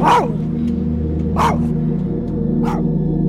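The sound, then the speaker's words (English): A dog named Sparks barks three times on the 3600 block of Falls Road in Baltimore, evenly spaced about a second apart, each bark short and sharp, over a steady low background rumble like street traffic. “her dog Sparks on the 3600 block of Falls Road in Baltimore.”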